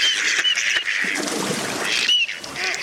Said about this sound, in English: Many male mallards began trying to attract a mate in September. What does it take to succeed with a female duck? Maybe a head shake, a grunt whistle, and a tail shake, or perhaps a little bob in the water, followed up by a whistle call.